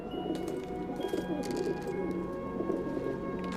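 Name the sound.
pigeons cooing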